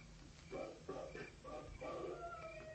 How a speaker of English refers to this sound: There it is. Wolf howl.